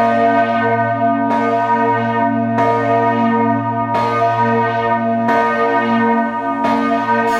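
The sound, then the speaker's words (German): The bells of the Castle Church in Wittenberg, Germany, ring loudly and continuously, with fresh strikes roughly every 1.3 seconds layering over a deep, sustained hum of overlapping tones. No voices are heard. “Das sind die Glocken der Schlosskirche zu Wittenberg.”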